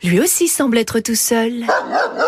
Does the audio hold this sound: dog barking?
yes